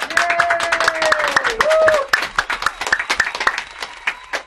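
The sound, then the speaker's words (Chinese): A small group in a radio broadcast studio claps steadily for several seconds, lively, to welcome a special guest. A voice lets out a drawn-out, rising and falling vocal sound over the clapping in the first half. “来，掌声欢迎。”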